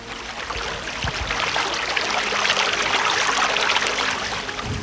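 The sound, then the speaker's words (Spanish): Steady rushing, gurgling water, continuous and fairly loud throughout, welling up and flowing hard out of a sewer chamber beneath the pavement on Ángel Muñoz street, Parque Kramer sector of Valdivia, with faint low traffic rumble beneath and no voices. “Así se oye el agua que sale del pavimento.”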